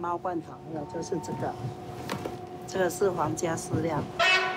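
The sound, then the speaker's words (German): A steady, drawn-out train horn sounds for a couple of seconds in the middle, a single held tone partly under a man talking, with more speech after it fades, from a train on the railway between Taipei and Houdong. “Die Eisenbahn verdankt hier ihre Existenz den großen Kohlevorkommen um Houdong, deren Abbau vor allem unter japanischer Herrschaft vorangetrieben wurde.”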